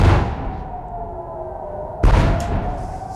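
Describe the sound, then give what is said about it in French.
Two heavy explosions boom in the sky over Jerusalem after an alert, during an Iranian retaliatory attack on Israel, the first at the start and the second about two seconds later, each a sharp blast trailing into a low rolling rumble, with a faint steady tone beneath. “Deux lourdes explosions, vous l'entendez, c'était il y a moins de 2 heures dans le ciel de Jérusalem, précédées d'une alerte”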